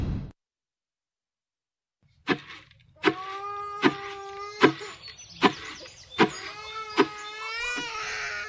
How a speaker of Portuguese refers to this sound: sinto-me tão sem força nesta gravidez e o meu bebê de 7 meses chora muito.